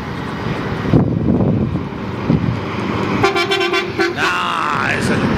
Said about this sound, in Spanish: Acá hay un. A ver si esto sirve. Bocina de colectivo, a ver.